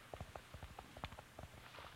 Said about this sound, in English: Yep, there he is. With my ear close to the ground, I can hear his horse running. He's closer and I'm gaining.